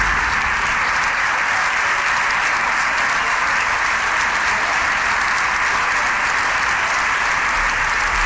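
A large group of PSOE members of the Spanish parliament stands and claps in the chamber in a steady, sustained, dense ovation for the president of the government as he enters with ministers. The applause is loud and continuous throughout with no breaks.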